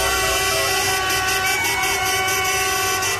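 vehicle, car horns honking

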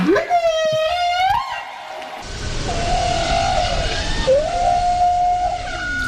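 animal, whale song

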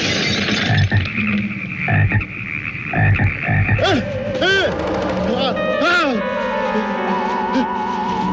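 animal, frogs croaking

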